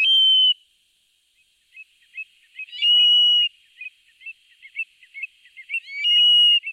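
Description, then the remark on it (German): A Eurasian stone-curlew gives three loud, shrill whistled calls at night at the Salziger See, with a run of shorter, softer piping notes in between; no voices. “Das ist auch schwer, so ein Triel zu sehen, denn der ist 1A tarnfarben.”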